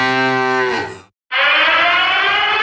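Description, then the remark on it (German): A deep, falling moo from a mooing milk drink bottle breaks off for a moment, then a loud alarm siren blares in a steady, sustained wail until the end, with no voices. “Oh, oh, oh, wenn du das Signal da hörst, dann bist du mitten in der Gefahr.”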